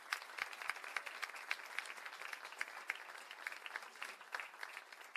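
An audience at the Casa do Choro applauds the sound technician, many hands clapping in a dense, continuous patter with a few sharper individual claps standing out, fairly even in loudness throughout.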